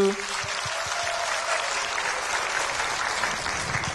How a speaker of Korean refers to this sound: 우리 주님께 더 큰 감사의 박수. 아멘. 우리 멋진 솔리스에도 박수.